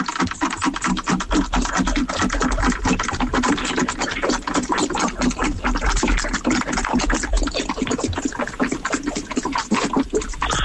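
A cow drinking from a water tank: a steady, loud run of rapid wet slurps and sloshing splashes, dense and rhythmic, continuing unbroken for about ten seconds with no voices.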